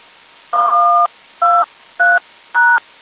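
Four clear telephone keypad tones, each a steady dual-pitched beep; the first is held longer and the other three follow in quick succession. Clean, with no one talking.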